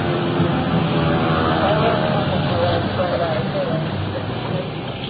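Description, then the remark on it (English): A loud siren of an approaching emergency vehicle wails through a thick wash of rumbling engine and traffic noise, its wavering tone holding steady for several seconds before easing slightly toward the end. “Now, the siren is coming in pretty loud right now.”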